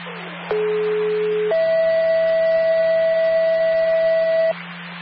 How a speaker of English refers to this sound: Level ambulance, that was a test tone. Again, level ambulance, test tone only, 823.